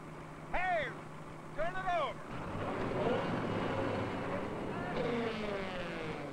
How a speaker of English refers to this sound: If it bumped that control by accident, you'd be mincemeat by now. What have I told you? You don't work on equipment when the engine's running.